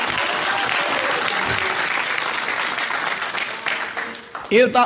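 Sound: audience applause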